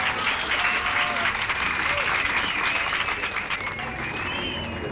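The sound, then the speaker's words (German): Sustained audience applause for a 16-year-old mind-reading performer, a dense wash of many hands clapping at steady loudness for the full stretch, with some crowd murmur mixed in and no single voice standing out. “Applaus bitte.”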